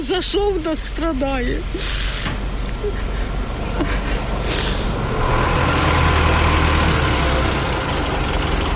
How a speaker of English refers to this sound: And as firemen winched her mangled car off the street, dust and anxiety remain in the air.